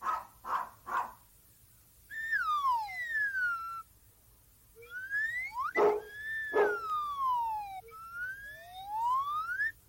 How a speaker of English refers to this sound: Un perro. A dog. Sí, es un perro.